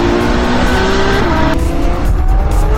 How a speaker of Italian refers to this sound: Quindi tutti gli appassionati di auto, di motori e quant'altro, occhio, o meglio orecchio, perché poi è quello, no? Cioè il rombo del motore della Formula 1 è molto particolare.